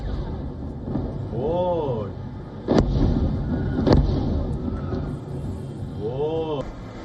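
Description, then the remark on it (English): Two sharp explosions crack out a second apart over a steady rumble of background noise in Iran's major port city of Bandar Abbas, with raised voices or shouts rising and falling before and after the blasts. “This video that surfaced from social media showed explosions in Iran's major port city of Bandar Abbas.”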